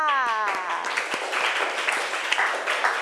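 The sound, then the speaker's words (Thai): A class of children clap their hands together at the teacher's call, applauding a correct answer in a dense, ragged burst of applause lasting a few seconds, with a brief bit of voice at the start. “ท่านั่งถูกต้องปรบมือค่ะ”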